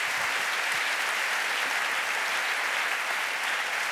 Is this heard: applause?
yes